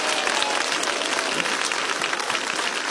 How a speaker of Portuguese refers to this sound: Isso, dá uma salva de palmas, vamos lá, bem bonito para Jesus, vamos lá.